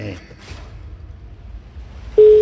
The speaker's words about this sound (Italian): Quarto squillo, dai.